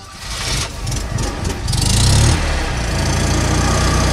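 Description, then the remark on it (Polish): A small 'maluch' car's engine idles with a steady, throaty low rumble, swelling briefly as if revved before settling back into an even idle, while the car is checked over before a charity rally. No one speaks. “W maluchach sprawdzamy po kolei zawieszenie, układ hamulcowy, oświetlenie, stan płynów eksploatacyjnych, cieraczki, no i ogólnie czy jest wszystko w porządku pojazdem.”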